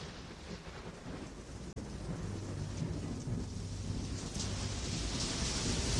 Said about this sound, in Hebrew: והגשם הזה שאתם שומעים ברקע,